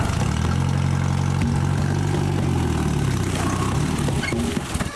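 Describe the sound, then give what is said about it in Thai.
A jeep used to haul harvested areca nuts idles with a steady, low rumbling drone that holds an even level throughout, its deep harmonic hum shifting slightly in pitch toward the end. “วันนี้มาขึ้นหมากแล้วก็เอารถกิ๊บมานี่ขนหมาก”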